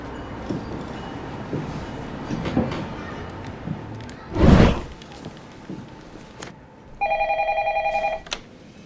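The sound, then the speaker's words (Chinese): A single electronic ringback tone of an outgoing phone call to a father trills for about a second near the end, loud, following a stretch of muffled background noise and a brief whooshing burst. “给你的爹地打个电话。”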